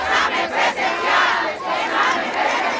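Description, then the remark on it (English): A large protest crowd shouts together in loud, sustained waves, many voices rising and falling in unison like a chant, demanding an in-person exam retake, filling the space for the full three seconds. “As we talk, the crowd grows.”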